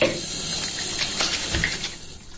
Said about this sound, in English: Okay. So, warm water.